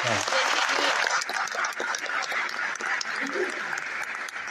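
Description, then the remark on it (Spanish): A crowd claps loudly and steadily for several seconds, a dense wash of many hands applauding with occasional sharper claps standing out, and faint voices mixed in beneath. “Bien, gran aplauso.”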